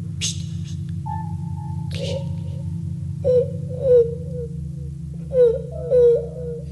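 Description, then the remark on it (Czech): A child's whimpering cries come in short wavering bursts in the dark, over a steady low droning hum, with a couple of brief rustling noises early on. “Pláče nějaký děcko.”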